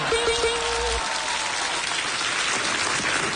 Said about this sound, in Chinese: 为什么我说完当时大伙没有立刻鼓掌呢？ 为什么？ 震撼了。 这有什么可震撼的？这东西 哟，天塔，我怎么办呢？我鼓掌吧。